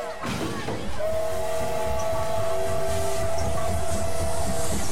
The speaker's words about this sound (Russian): Толпа пассажиров бросается осаждать вагоны поезда. Брест. Железнодорожный вокзал.